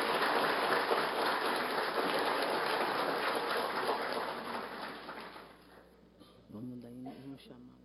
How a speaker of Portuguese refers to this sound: Então vamos dar uma salva de palmas ao ESP e à Embaixada do Samba de São Paulo, que está presente no nosso evento.